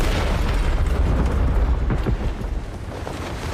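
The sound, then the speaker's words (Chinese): A loud explosion roars with a deep, rumbling low end, its dense blast noise sustaining for several seconds and easing slightly toward the end. No one speaks. “黑英雄从不回头看爆炸。”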